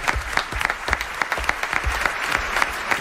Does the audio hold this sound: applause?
yes